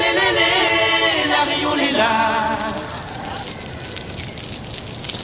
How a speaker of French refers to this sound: Tendez l'oreille car ce son est rare. Ce n'est pas du bacon qui frit dans une poêle, c'est le crépitement émis par les coraux quand vous mettez la tête sous l'eau. Ce son a été enregistré par le chercheur Simon Élise.